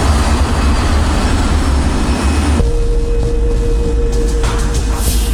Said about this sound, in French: L'appareil de la KLM effectue sa rotation de 180 degrés et s'aligne pour le décollage.